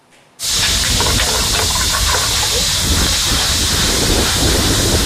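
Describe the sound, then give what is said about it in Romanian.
Vegetables (shiitake, carrot, zucchini, wood ear mushrooms) hit hot sesame oil with ginger and garlic in a pan with a sudden loud sizzle, then a steady crackling hiss that keeps going without a break, at a food festival in Cluj. No one speaks. “Se trag la tigaie în ulei de susan cu ghimbir usturoi.”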